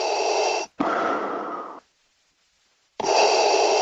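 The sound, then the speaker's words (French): Loud, heavy breathing with a raspy, mechanical edge: a long inhale and exhale, a brief silence, then another deep breath begins. No one speaks. “La respiration, on ne l'entend que rarement, sauf quand elle est un peu inquiétante.”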